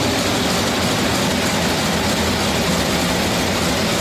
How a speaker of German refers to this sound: Nee, kein Presslufthammer, ist ein Motor, und zwar der Motor des Theaterschiffs im Nikolai-Fleet. 50 Jahre her, dass Eberhard Möbius die schwimmende Kabarettbühne gegründet hat.